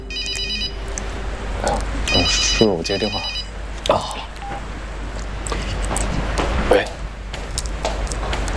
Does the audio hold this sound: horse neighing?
no